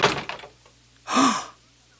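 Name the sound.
door opening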